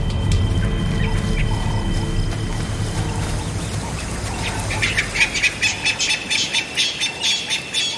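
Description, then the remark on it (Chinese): Painted francolin alarm calls break in after a low rumbling background, a loud series of harsh, rapid, evenly spaced squawks that repeat rhythmically through the final few seconds. “在彩鹧鸪的警报声中，一些狮子幼崽迅速藏了起来。”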